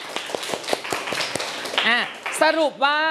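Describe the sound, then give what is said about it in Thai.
A short round of scattered claps from a class, given for a classmate who answered correctly in a Thai consonant lesson, sharp and lasting just over a second, then high-pitched children's voices call out over the end. “ไปเลยหัวใจ1ดวงปรบมือให้เพื่อนหน่อยครับ”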